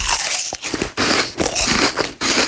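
Loud crunching as a man bites into his apple, several wet, smacking chomps in a steady rhythm with brief pauses between them, no talking.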